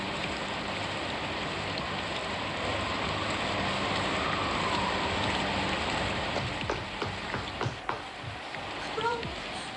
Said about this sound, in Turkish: paltonu al, yağmur yağıyor. Hadi paltonu al.